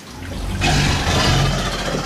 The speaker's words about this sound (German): Und unsere Alligatoren, ich habe schon gesagt, können eben auch brüllen. Hören wir uns die einmal an.